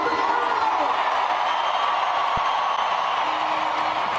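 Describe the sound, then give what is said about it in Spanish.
A large concert crowd roars and cheers continuously in support of Venezuela, a dense, steady wall of shouting voices that stays loud and even throughout, with no single voice standing out. “Que se escuche ese grito por Venezuela.”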